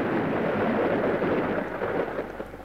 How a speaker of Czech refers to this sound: Podívejme, bouřka. A prší.